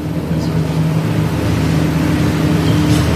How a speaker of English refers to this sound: Madam Speaker, I have a little competition with a noisy truck on the other side here, so just a minute.